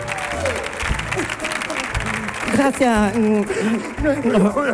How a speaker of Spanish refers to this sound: Bueno, y recibamos también con un fortísimo aplauso a David Hasselhoff, que también está con nosotros.